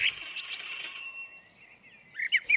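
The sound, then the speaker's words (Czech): A small gate bell at a cottage settlement in the Nymburk area of Polabí rings with a bright, high metallic tone that shimmers and fades over about a second, followed by a lull and a few quick, chirpy sounds at the end. “a je tady zvoneček, tak zvoním.”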